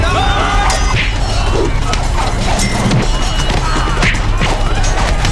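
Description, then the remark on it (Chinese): Loud, chaotic smashing and crashing, with repeated heavy blows and breaking clatter crowding together, while voices shout underneath amid the din of things being wrecked by men taking up weapons on command to smash the place. “来，我抄家伙。 砸！”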